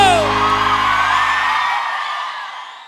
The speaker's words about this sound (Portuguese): gostou, dá um grito!